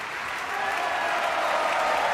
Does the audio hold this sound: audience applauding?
yes